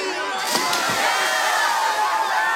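A crowd of partygoers cheers and whoops loudly together, a dense, sustained wall of excited shouting with bright high-pitched yells rising out of it, steady for a couple of seconds.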